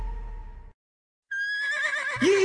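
A horse lets out a loud whinny with a wavering, descending pitch, following a brief low rumble and a moment of silence; no one speaks.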